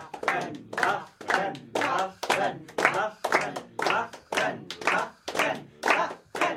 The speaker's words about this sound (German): Angestachelt durch die nicht hörbaren Rufe des Dichters in seinem Wasserglaskäfig, klatscht die Hälfte des Publikums Beifall.